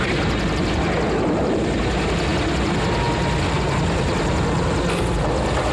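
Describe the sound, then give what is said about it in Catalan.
Loud military helicopter noise with a steady, rapid rotor thumping over a heavy engine roar, filling the whole stretch without pause. “En una d'aquestes curses de motos, topen amb el nen d'aspecte estrany i aleshores, del no-res, apareixen uns helicòpters.”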